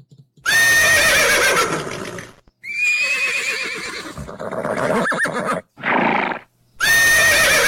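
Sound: horses neighing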